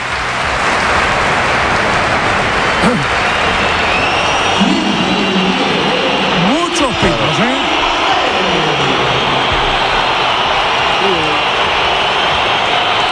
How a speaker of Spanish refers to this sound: La comparecencia de Mbappé fue por sorpresa después de esta pitada del Bernabéu.